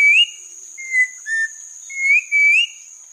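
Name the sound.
mountain grackle song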